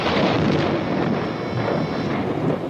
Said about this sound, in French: Un coup de tonnerre éclata soudain, et comme il passait au doigt de Clémence un anneau trop large, la pluie se remit à tomber.